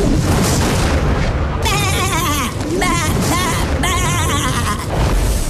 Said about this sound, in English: Sheep. What's the line? You're going to hear a sheep replacing a very famous movie quote.